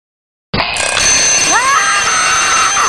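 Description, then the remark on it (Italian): An alarm clock bursts into loud, continuous ringing that starts abruptly after a brief silence and holds steady, with a few short sliding tones rising through the middle. “Il mattino non puntare la sveglia.”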